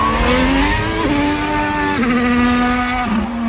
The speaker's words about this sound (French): Et vous avez raison, parce que ce sont trois Ferrari